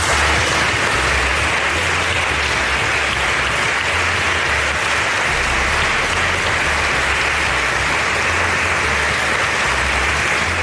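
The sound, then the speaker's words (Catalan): Sustained audience applause, a dense steady wash of many hands clapping at a constant loud level for the whole stretch, with no voices standing out. “Molts aplaudiments, éxito rotundo, organizarlo, això segur que sí”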